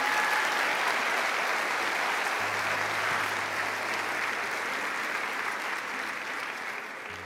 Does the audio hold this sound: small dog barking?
no